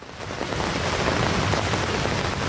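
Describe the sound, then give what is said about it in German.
Heavy rain pours steadily onto the taut orange roof of a small folding pavilion at a market in Wilhelmsruh, northern Berlin, a dense drumming hiss with scattered sharper drops and a low rumble beneath, constant throughout with no voices. “Bei strömenden Regen sitzt Gabriele Langen-Siebenhaar unter dem orangenen Dach eines kleinen Faltpavillons.”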